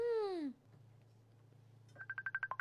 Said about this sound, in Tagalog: Ang Miga, may nagapanawag sa cellphone, ho?